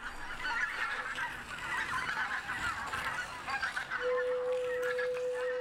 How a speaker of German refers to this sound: Sabine Vogels Tonloch ist ein Werk für Keramikflöten, Flöten, Zuspiel und Video projiziert auf Ziegel in einem Aquarium. Sämtliche Zuspielaufnahmen hat Sabine Vogel in den Paritzer Erdlöchern in Brandenburg aufgenommen.